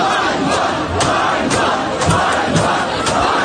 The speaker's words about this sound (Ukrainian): Львів. Навколо автомобіля ТЦК величезний натовп. Майже 200 людей блокують виїзд військовослужбовців, які на Сихові проводили мобілізаційні заходи.